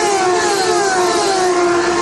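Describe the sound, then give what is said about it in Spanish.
Racing cars in a race roar loudly and continuously as they pass close in front of the Campeones mobile studio broadcast booth, a high-pitched, whining drone with steady tones that sag slightly in pitch, with no voices over it. “Escuchen, aquí está desde el estudio móvil de campeones el sonido, la cercanía de los autos.”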